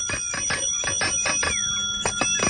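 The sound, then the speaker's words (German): A bicycle bell rings rapidly and repeatedly, a string of bright metallic dings in quick succession with a brief pause before a few more rings. “Manfred, hör auf zu klingeln!”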